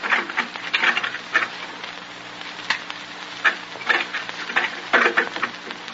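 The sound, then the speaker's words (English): Light drizzle patters steadily over a muddy street, a soft, irregular spatter of tiny droplets with occasional brighter taps and a faint low hum underneath, no voices. “draws his threadbare jacket tightly about him as if to protect himself from the penetrating drizzle”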